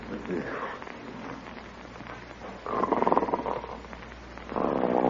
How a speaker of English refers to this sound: Oh, isn't that awful? Snoring already. Listen to that.